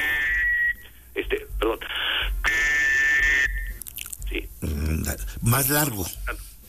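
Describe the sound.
A three-hole whistle blown as a distress signal calling for help, in a series of shrill blasts: a long one, several short bursts, then another long sustained blast, followed by a voice speaking briefly.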